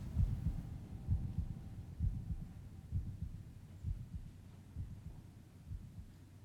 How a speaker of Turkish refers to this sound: Sesler kalp atışlarımla aynı anda yankılanıyordu.